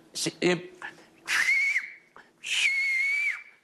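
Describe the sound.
Two sustained, piercing whistled phrases with rising and falling pitch glides, a demonstration of the Silbo Gomero whistled language, fairly loud. They follow a few short voiced or breathy sounds at the start.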